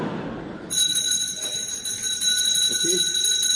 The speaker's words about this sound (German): Es läutet. Da kann ich Sie beruhigen, Herr Direktor. Das liegt nur daran, dass wir eine Glocke haben.